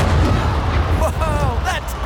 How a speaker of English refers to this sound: A human shot out of a cannon 75 feet into the air with nothing but pure pizzazz.